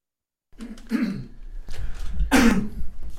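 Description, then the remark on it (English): Two harsh coughs or throat-clearing bursts, the second louder, with rough breathy noise between them and nobody speaking. “I didn't know you were coughing.”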